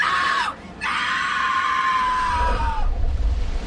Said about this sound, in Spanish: Grito de angustia y desesperanza que inmediatamente movió la piedad de todos aquellos que lo escucharon.